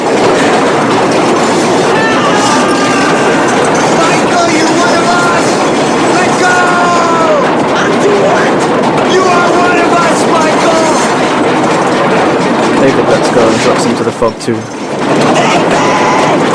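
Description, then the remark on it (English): A loud train rattles and clatters across a bridge, shaking the whole bridge, in a steady, continuous roar with faint metallic squeals, while a voice talks over the din. “as the train rattles and shakes the whole bridge.”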